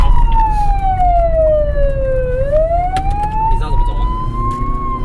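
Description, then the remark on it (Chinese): A police car siren wails loudly, its pitch sliding slowly down and then climbing back up, over a steady low rumble of road traffic, as police rush a boy with severe abdominal pain to hospital late at night. “警车、民警笛争分夺秒送腹痛的患者前往医院。”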